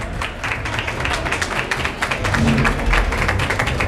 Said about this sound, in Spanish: Están aplaudiendo en ese colegio electoral. Y este es el sonido que tiene.